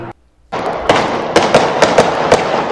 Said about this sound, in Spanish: No, sí son 9. A ver, que se hagan aquí la red. Que empiezan las apuestas, señores. ¿Cuántos disparos escucha usted, oiga? Vamos a poner otra vez.